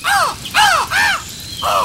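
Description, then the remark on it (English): Four loud, harsh caws from crows and ravens follow one another in quick succession, each a rasping arched call, with no voices present. “They heard the cawing of the crows and the ravens.”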